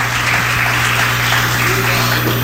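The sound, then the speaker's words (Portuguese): A church audience claps in praise of Jesus: steady, dense clapping fills the space, a continuous wash of many hands beating together at a lively pace, fairly loud, with a low hum underneath. “Deixa a sua Bíblia aberta e vocês vão louvar Jesus com aquelas palmas bem avivada para Jesus.”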